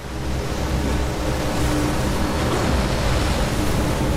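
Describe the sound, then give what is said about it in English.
Churning river water roars steadily, a dense, unbroken rush with a deep rumbling undertone and no pauses, like a turbulent whirlpool current swirling throughout, as rocks jutting from the water churn the river. “They churn the river into a whirlpool, spinning him around.”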